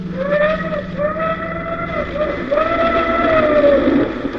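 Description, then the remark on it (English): A steam train's whistle blows in long, sustained tones over the steady rumble of the passing Golden Arrow express to Ruritania, the sound loud with a brief break before a final held blast. “It was, of course, the Golden Arrow, express to Ruritania.”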